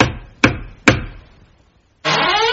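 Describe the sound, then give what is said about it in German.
Three firm knocks on a wooden door, evenly spaced, each ringing briefly before fading; after a short pause a voice begins speaking. A man knocks at his father-in-law's door in Timnah at harvest time. “Denn ein paar Wochen später, es war gerade Erntezeit und die Bauern fuhren das Korn in die Scheunen, kam er wieder nach Timnat und klopfte an die Tür seines Schwiegervaters.”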